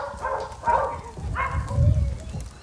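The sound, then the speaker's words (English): Dogs bark a few times in short, strident bursts over a low rumbling background. “How many dogs are there?”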